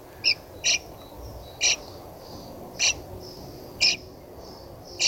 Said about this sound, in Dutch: Ja, hier nog meer gepiep. Gepiep van jonge spreeuwen in de nestkast van Walter.